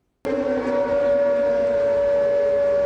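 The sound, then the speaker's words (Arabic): An air raid warning siren in Ukraine starts abruptly and holds a loud, steady, mid-pitched tone with a rich harmonic buzz, sounding continuously without a break and with no voices. “مسافة أقصر بين الإنذار والانفجار، هكذا يمكن اختصار التحدي الجديد في سماء أوكرانيا”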